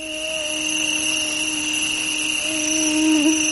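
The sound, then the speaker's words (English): A thin, steady mosquito whine drones without a break, holding one high buzzing pitch with a faint wobble near the end. No voices are heard. “When most people hear the tiny, high-pitched whine of a mosquito, they think of the fastest way to get rid of it.”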